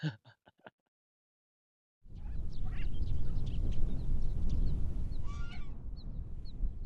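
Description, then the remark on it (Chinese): A few sharp quacks ring out, then after a short silence a bird flaps its wings in a long, heavy, rustling burst, with occasional faint calls above it. The bird, Guoguo, is flapping and quacking after being carried back into a sheep pen. “然后我又给抱回羊圈里，估计也是有点生气了嘛，一进羊圈里就开始扇翅膀，然后嘎嘎嘎一直叫。”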